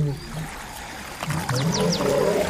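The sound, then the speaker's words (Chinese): Deep, drawn-out lion growls and moans rumble in short bursts from a group of male lions crossing a river, three lions in the water, growing louder toward the end, with a few quick high chirps flicking past in the background. “一群公狮正在渡河。”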